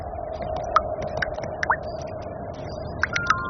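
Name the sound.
rain falling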